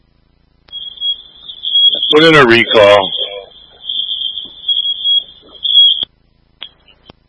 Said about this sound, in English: Fire alarm. Fire alarm is on for Oak Grove Command.